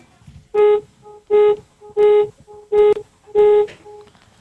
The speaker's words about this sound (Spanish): Nada más para ganar, requiero que me regales 5 bocinazos medianitos. 5.